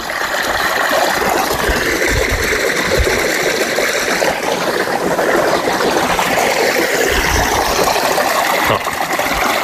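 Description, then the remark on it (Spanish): Clean, fresh drinking water gushes out forcefully in a loud, steady rush, continuous for the whole stretch, with no voices over it. “Con lo limpia que sale el agua, y qué fuerza sale.”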